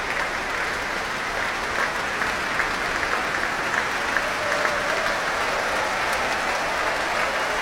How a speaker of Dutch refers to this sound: Groot applaus ook van de muzici van het orkest. Voor hun toekomstige chef-dirigent.